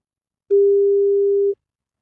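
A single ringback tone from an outgoing phone call to a number chosen by a random generator: one steady, clear, mid-pitched beep lasting about a second, heard alone with silence before and after.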